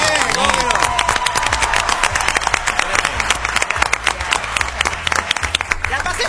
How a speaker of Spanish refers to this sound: un aplauso para Anita, que la rompió